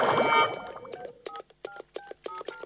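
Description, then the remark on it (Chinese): A rapid series of short electronic keypad tones as a phone number is dialed, about six or seven distinct beeps in quick rhythm, following a brief burst of bubbly, watery noise at the start. “拜托接电话，拜托接电话。”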